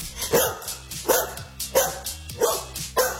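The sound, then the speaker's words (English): A dog barks about five times in a steady, evenly spaced rhythm, each bark sharp and fairly loud, with no one talking. “Does that bark one more time?”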